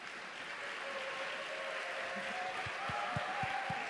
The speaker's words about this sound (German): Und ich weiß nicht, ob es euch ähnlich geht. Wenn es euch so geht, einen Applaus bitte.